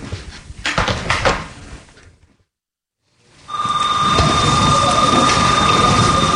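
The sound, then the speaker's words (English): A door opens with a few clattering clunks and a rush of movement as someone walks out the door, then a short silence gives way to a steady, loud droning hum with a high tonal whine. “Yep, I got him, about to be out the door.”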